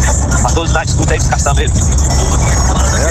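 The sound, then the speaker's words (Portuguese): A loud, steady diesel engine drones from inside a dump truck cab, with a heavy low rumble and road noise throughout, while voices talk over it. “Deve estar na boleia da caçamba, pelo barulho, né?”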